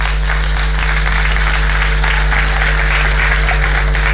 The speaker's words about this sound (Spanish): ¿Aplaudimos? Sí, aplaudimos. Dale.